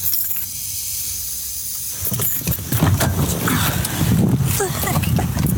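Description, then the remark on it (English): A steady, high-pitched hiss fills a car interior with the air conditioning and the car turned off, buzzing faintly like an insect drone, while muffled voices and low rumbling movement come in over the second half. “I mean, it almost sounds like a cicada to me.”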